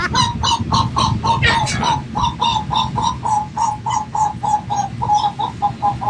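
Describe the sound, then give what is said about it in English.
Seagulls in Ocean City give rapid, rhythmic mating calls, a steady string of short, repeated squawking notes over a low rumble of background noise, with no one speaking. “It's time to hear some seagull mating.”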